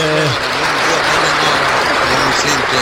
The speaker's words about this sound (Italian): Chi ci hai portato stamattina? La mia sorellona. E allora un applauso.